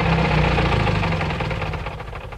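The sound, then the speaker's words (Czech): A car engine runs steadily with a low, throbbing rumble and faint rhythmic knocking, loud and continuous, gradually easing slightly as it continues, as the car drives through the streets of Smíchov until it stops in front of a shop. No one speaks. “Auto jede Smíchovskými ulicemi, až zastaví před krámem.”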